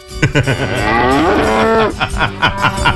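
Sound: ox mooing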